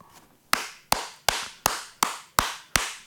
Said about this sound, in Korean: 왜 박수를 칩니까?